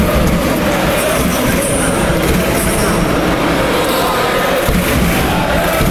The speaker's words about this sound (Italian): c'è il recupero di palla per la Fortitudo, si fa sentire anche il tifo della fossa.